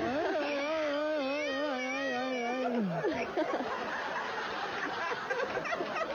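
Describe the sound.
A woman lets out a long, wavering, yowling scream for about three seconds, given as a Mexican grito and sounding much like a cat's caterwaul, followed by loud laughter and chatter from several people.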